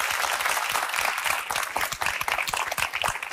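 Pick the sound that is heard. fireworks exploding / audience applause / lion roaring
audience applause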